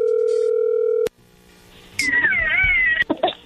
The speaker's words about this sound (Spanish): Bueno, a ver, ahí entra la llamada. Le va a llamar el lobo.